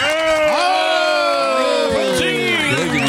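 An audience cheers and whoops loudly, many voices shouting together in a continuous roar that holds steady for about three seconds, with no one speaking over it.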